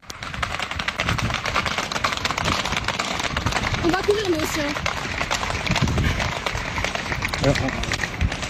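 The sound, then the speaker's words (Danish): A herd of horses gallops past in Biscarrosse, 65 km southwest of Bordeaux, fleeing the smoke of fires, in a dense, continuous, loud rumble of hoofbeats, with occasional snorts or whinnies and faint voices in the background. “Og så er der jo altså også firbenet på vej væk fra brændende, som det her klip, man kan høre på det her klip, det er fra Biscarrosse, som ligger 65 km sydvest for Bordeaux, og hvor en flok heste altså flygter fra røgen.”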